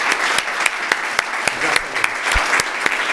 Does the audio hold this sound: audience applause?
yes